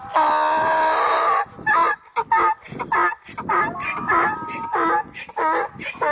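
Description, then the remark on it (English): A donkey brays loudly, opening with a long sustained wail and breaking into a series of rapid, rhythmic hee-haw gasps that rise and fall until the end. “you guys are correct. That was a donkey.”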